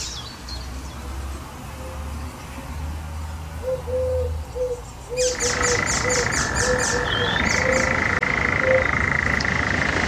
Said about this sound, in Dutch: Een briljant variërende en imiterende vogel. Die zelfs een perfect bad-eendje in huis heeft. De spotvogel.